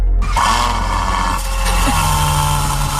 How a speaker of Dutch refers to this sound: Wat is dit voor skelter? Dat is een Ferrari, man. Nou, ik vond hem maar blikkerig klinken. Nou, wat is dat voor ding dan? Ja, volgens mij was dit een 12-cilinder Ferrari.